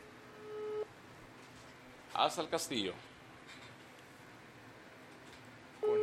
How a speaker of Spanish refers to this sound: Vamos a ver la llamada por WhatsApp entonces. Ok.